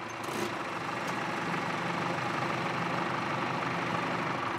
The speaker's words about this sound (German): Der Traktorfahrer ist die wichtigste Person auf dem Platz. Ohne ihn schafft kein Campingmobil den Weg durch die Dünen. Dieser Traktor hat noch nie einen Acker bewirtschaftet. Er ist das Arbeitspferd im Ahoi-Camp.